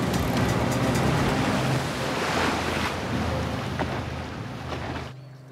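A boat engine drones steadily beneath loud rushing water and wind buffeting the microphone. The splashing noise drops away near the end, leaving the low motor hum.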